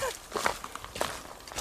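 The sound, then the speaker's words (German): Several quiet footsteps crunch on a path at a steady walking pace, with a soft hush of background between steps and no talking, as someone walks down into the Wolfsschlucht gorge. “Außer meine Schritte, die hört man.”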